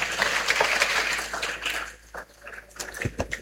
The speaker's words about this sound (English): Let's clap for Jesus for that.